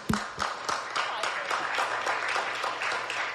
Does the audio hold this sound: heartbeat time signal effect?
no